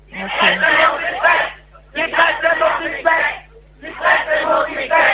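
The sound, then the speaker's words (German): A crowd shouts in unison in three loud, rhythmic bursts, each lasting over a second with short pauses between, like a repeated protest chant with many voices blending together. “Ja, es ist sehr eindeutig, was die Leute schreien.”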